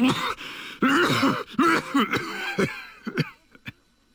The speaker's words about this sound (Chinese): 剧烈的咳嗽起来，吐出了一口鲜血。